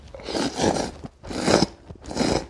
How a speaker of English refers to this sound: Contrary to the rest of the world where noisy eaters really get a mouthful, Japan purposefully slurped their noodles to bring out the flavor.